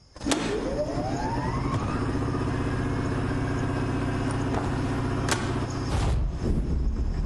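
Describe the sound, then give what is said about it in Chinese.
A power generator, specially set up at a lodging in a tribe's settlement, starts up and settles into a steady, loud mechanical drone with a low harmonic hum and a rising whine at the start, running continuously without any voices. “这是我爸爸专门给你们准备的一个地方，还特意弄了一台发电机。”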